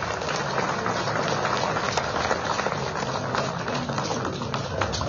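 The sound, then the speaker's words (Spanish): A crowd applauds steadily for about five seconds, a dense, even crackle of many hands clapping at once, with no voices rising above it, welcoming Evo Morales, leader of the Special Federation of Peasant Workers of the Tropics of Cochabamba. “Lo recibimos con ese fuerte voto de aplausos.”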